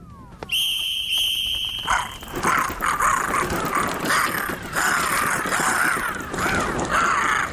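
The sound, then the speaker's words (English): A loud flock of crows belonging to the Witch of the West caws continuously, their harsh, overlapping calls forming a dense, raucous chorus that fills the whole clip with no pauses. “See if your sharp axe is any use against the beaks of my crows.”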